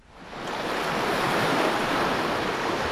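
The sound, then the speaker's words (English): Steady roar of ocean surf breaking on the shore off the coast of Narrabup in southwest Western Australia, a broad wash of noise swelling up and holding loud, with a hint of wind. No voices. “Off the coast of Narrabup in Australia's southwest, the mermaids gather. Plunging into the salty ocean, they swim across the crystal blue bay and back.”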